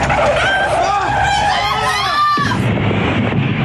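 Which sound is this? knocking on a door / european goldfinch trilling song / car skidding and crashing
car skidding and crashing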